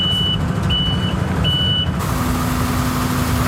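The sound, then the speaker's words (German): A truck's reversing alarm beeps three times in a steady rhythm over a loud, rumbling engine, then stops while the heavy motor keeps droning; the truck is unloading sand in the town centre of Villingen-Schwenningen. “Wir kennen das doch, der LKW klingt wie?”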